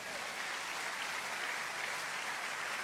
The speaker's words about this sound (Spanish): ¿Alguien puede dar un aplauso a Dios?